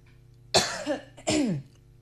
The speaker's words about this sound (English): I am so sorry, my goodness. I'm also human. I'm allowed to cough.